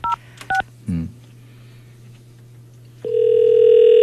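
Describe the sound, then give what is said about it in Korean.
Two short touch-tone keypad beeps, then after a pause a steady, fairly loud ringback tone sounding through a phone line at the end, as a radio host calls back a listener who had been driving. No one speaks. “자, 신호 갑니다.”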